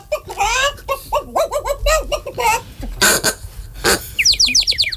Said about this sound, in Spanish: Patos, gallinas y pajaritos corretean por la calle en diferentes direcciones.